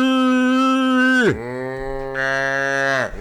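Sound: cow mooing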